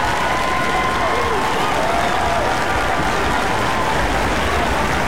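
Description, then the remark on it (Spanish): Steady, dense applause from a crowd, a standing ovation on a Radio Disney broadcast for the listeners writing in, fills the whole stretch, loud and continuous, with a faint murmur of voices mixed into the clapping. “Y aplauso para ustedes.”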